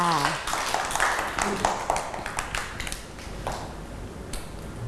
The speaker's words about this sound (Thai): เก่งมากค่ะเด็กๆปรบมือให้